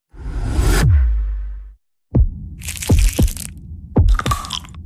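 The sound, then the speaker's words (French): A heartbeat sound effect in a radio advertisement for Pierre Marcolini chocolates in Brussels: deep, booming heartbeat thumps in lub-dub pairs follow a swelling low rumble, with a crisp crackling noise layered over the beats. No voices are heard. “Vous entendez? Ce sont les chocolats de Pierre Marcolini qui font battre le cœur de Bruxelles.”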